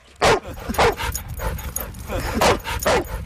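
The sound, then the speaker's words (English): Dogs barking outdoors at an off-leash dog park, with four loud, sharp barks coming in two close pairs over a steady murmur of background activity and faint voices. “Just 2 miles south of the abandoned heron rookery is the Mary Moore Off-Leash Dog Park.”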